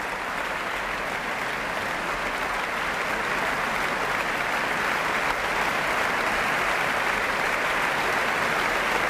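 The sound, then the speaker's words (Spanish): Dense, sustained applause from the orchestra's musicians for conductor Josep Pons as he steps onto the podium, holding a steady, even loudness for about nine seconds with no voices rising above it. “Los profesores de la orquesta aplauden al maestro, que sube al podio y recibe esta aclamación.”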